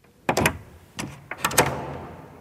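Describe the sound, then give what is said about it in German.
A door slams shut with a few sharp, rattling knocks, followed by quieter door movement and a fading ring. It is fairly loud, with no voices. “Die Tür, die zuerst krachend ist zugeschlagen worden, geht jetzt wieder ein Spältchen auf.”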